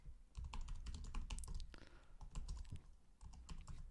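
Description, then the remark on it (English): Rapid, dense typing on a computer keyboard, a continuous rush of sharp clicks and clacks with no voices, steady and hurried for the full few seconds. “I hope you hear the furious clicking and clacking.”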